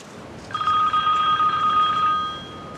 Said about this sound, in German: Ein Telefon. Ach so.